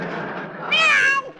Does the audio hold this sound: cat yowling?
yes